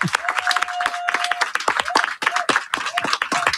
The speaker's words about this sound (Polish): Wielkie brawa.